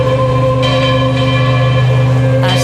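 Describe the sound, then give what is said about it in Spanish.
Church bells ring out continuously during Pope Leo XIV's procession after the mass at Cibeles, their loud, sustained tones overlapping into a steady, resonant wash with no pauses and no voices. “Buenas tardes, olor a incienso, aroma, claveles y rosas, campanas repicando sin cesar y el sonido solemne de himnos cristianos mezclados con el calor de la mañana y el murmullo emocionado de los fieles.”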